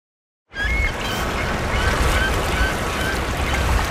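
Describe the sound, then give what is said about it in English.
Harsh, buzzy bird calls repeat over a steady outdoor rumble, several raspy squawks at irregular intervals, moderately loud, like a game-show buzzer; heard while walking under a poplar tree. “And then, oh, these birds. Wow, that's a real game show buzzer.”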